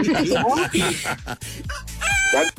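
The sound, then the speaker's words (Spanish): A rooster crows loudly, a long strained call that breaks off and returns with a shrill, rising final burst. “Oye, espérame, déjate paso al gallo que quiere hablar contigo, ahí te va.”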